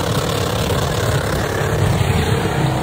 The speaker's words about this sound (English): There she was in her Holden Commodore U. Oh, no. Helmet in tow. In her own car or a special car? Just thrashing out some burnouts, Marto. It's all she wanted to do.